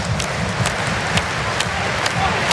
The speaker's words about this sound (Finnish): 12 700 täysin Nokia-areena. Ja nämä suosionosoitukset siis vielä kerran.